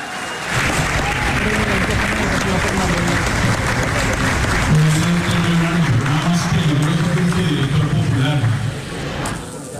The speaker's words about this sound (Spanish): Si quiere, escuchemos cómo el auditorio del salón donde se están llevando a cabo las conferencias pues la elogió en medio de aplausos.